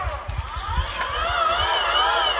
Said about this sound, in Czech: Takhle to zní. Přesně, je to zvuk takového elektrického motoru, je to poměrně tichá záležitost.